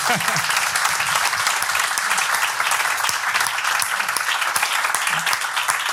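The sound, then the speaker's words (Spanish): An audience applauds steadily, a dense, even wash of many hands clapping that holds at full strength throughout, loud, with faint voices murmuring beneath it. “Así que, bueno, ante todo le daré un aplauso”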